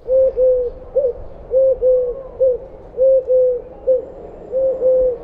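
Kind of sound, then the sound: bird, eurasian collared dove call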